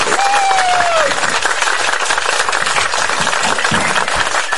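Steady, loud applause from an audience fills the whole stretch, a dense wash of clapping hands with a brief whistle-like tone rising at the start.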